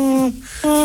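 Two steady, hollow hooting notes of a little owl with a brief pause between them, loud, with no talking around them.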